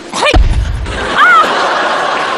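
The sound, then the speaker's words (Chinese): A hammer strikes a nail into a wall with one heavy thud, followed by brief vocal exclamations and a lingering low rumble. “哎，等会儿，我换个地方。 这呢？ 砸吧。”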